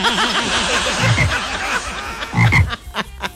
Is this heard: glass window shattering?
no